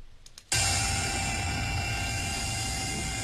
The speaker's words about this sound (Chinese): 8月20号上午，沙岭河周口城区中州路桥头无人机轰鸣升空，来自中国水利水电科学研究院水利部减灾中心的专家们正在给多日浸泡在高水位中的堤防做体检。